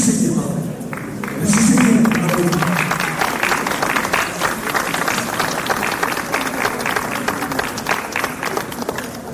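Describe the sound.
A crowd at a comics festival (salon de la BD) claps steadily for several seconds, dense and continuous applause, with a brief murmur of voices at the start.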